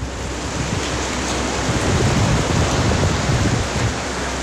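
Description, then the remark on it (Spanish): A steady, dense roar of heavy rain pours down without pause in Antofagasta, loud, with a deep rumbling undertone and no voices. “La lluvia es potente en Antofagasta.”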